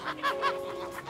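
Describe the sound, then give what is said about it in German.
Chickens cluck in a garden in a quick series of about five short, nasal bursts at a moderate level, over a faint steady background hum. “Marks Leidenschaft gilt dem Federvieh. Er zieht Hühner, Gänse und Puten groß.”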